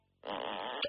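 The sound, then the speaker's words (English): A loud, buzzing comic fart sound effect, a single sustained raspy blast lasting most of a second, ending with a brief higher squeak. “That is the sound of a butt being worked clean off.”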